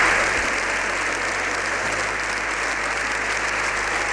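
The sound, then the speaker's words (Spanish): The Congress gives a unanimous seven-minute ovation after a speech by the Pope, a dense, unbroken wash of many hands clapping at a constant loud level, with no voices rising above the ovation. “Este discurs del Papa l'ha aplaudit tot el Congrés, encara que amb algunes absències, de manera unànime.”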